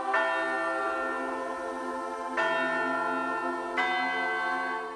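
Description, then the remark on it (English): A large church bell tolls three times at a slow, steady pace, each rich, resonant strike ringing on and overlapping the next. No voices, just the bell sounding clearly and fairly loud. “And through every chapter of that journey, the sound of church bells could be heard across this great land.”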